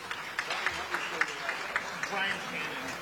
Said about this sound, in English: Have a nice round of applause